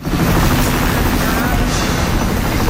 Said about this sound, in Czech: Zraněné sváží z úpatí Himaláje 22 vojenských vrtulníků a desítky sanitek a autobusů.